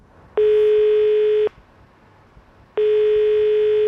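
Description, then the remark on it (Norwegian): A mobile phone tone, the sound a contest participant's phone made for over 100 days, sounds twice, each a steady electronic beep lasting about a second with a pause between, loud with no voices. “Dette var lyden som Gunn Langeland sin mobil lagde i over 100 dager.”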